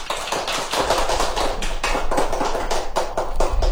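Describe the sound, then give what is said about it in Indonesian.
A crowd of children claps steadily after a pantun recitation, many quick sharp hand claps blending into a continuous, fairly loud patter of applause with no voices, holding its level throughout. “Yuk kita kasih tepuk tangan teman-teman.”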